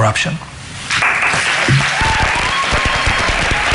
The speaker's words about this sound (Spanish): Los aplausos de los estudiantes que estaban allí participando en esa charla que era sobre inteligencia artificial